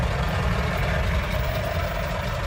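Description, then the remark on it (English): A steady, heavy rumble of truck engines on the Mahu Mahu Road, the long, winding truck route from Nairobi to Naivasha around the Great Rift Valley in Kenya: a continuous low drone with some mid-range grind, fairly loud, with no voices. “I'm on the Mahu Mahu Road, which is the long, winding truck route from Nairobi to Naivasha that curves around the Great Rift Valley.”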